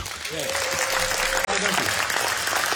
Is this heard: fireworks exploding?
no